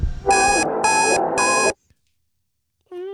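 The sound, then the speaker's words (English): An old-fashioned alarm clock rings loudly in three quick bursts over a busy background, then cuts off abruptly into silence before a short tone starts at the very end. “Old school alarm clock, smart speaker.”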